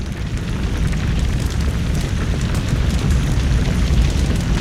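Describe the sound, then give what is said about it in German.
A loud, deep roar as a house goes up in flames rumbles steadily like the aftermath of a huge blast, heavy bass churning under a crackling, hissing texture, rising slightly at first and then holding strong throughout. “Das war ein leises Murmeln, das zu einem Tosen anwuchs. Es toste in meinen Ohren.”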